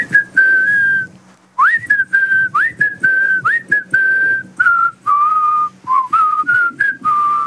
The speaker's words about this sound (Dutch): Wij proberen jou fluitend aan jouw heel extreem warme dag te laten beginnen. We zullen het goede voorbeeld geven. Ja, hier komt mijn fluit. En 1, 2, 3 en...